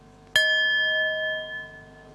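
A single bell is struck once as a signal for a group to open their eyes and meet the partner in front of them, giving a sharp onset followed by a clear, sustained ringing tone that slowly fades, with no talking.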